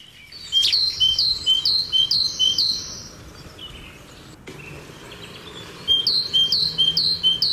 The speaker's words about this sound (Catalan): Sí, aquest és la tintipella. Tintipella, Sí, que és un dels noms populars de la Mallarenga Carbonera.